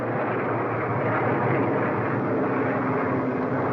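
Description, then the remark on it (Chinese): A steady, loud engine drone of an American military aircraft circling overhead, filling the whole stretch with a dense rumbling roar that holds constant without fading. No voices are heard. “美国飞机这几天老在这转，怕不是好事啊。”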